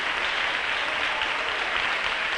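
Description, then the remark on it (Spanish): Steady, dense applause from an audience at a religious service giving a strong round of applause to the King, the Lord, a continuous wash of many hands clapping at an even loudness throughout, with no voices standing out. “Dele un fuerte aplauso al Rey en este día.”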